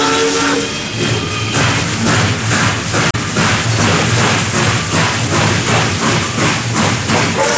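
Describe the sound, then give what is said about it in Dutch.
A steam locomotive chuffs loudly in a steady, rhythmic beat of hissing puffs, with a brief whistle tone sounding near the start. No one speaks. “Groot-Brittannië liet als eerste een stoomtrein puffen.”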